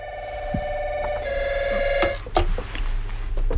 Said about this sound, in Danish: Undskyld afbrydelsen, men jeg var lige nødt til at tage telefonen her. Og det var bare Natur Nordjyllands Naturistforening.